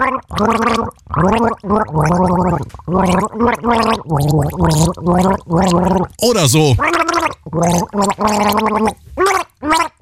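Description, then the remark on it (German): A tune gargled through a sip of water held in the mouth, as a game in which the rest of the team guesses the song. The wet, bubbling voice rises and falls in pitch across a series of short sung phrases. A brief spoken remark follows. “Das Ziel, mit einem Schluck Wasser im Mund ein Lied gurgeln, das das restliche Team dann errät.”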